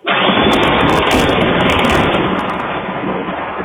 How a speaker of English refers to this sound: Well, a viewer in Troy sent us that video you see there, a doorbell camera catching that incredible lightning strike and just how long it went there.